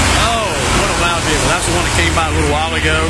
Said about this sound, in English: Okay. All right, so we're going to pause for a tractor trailer break.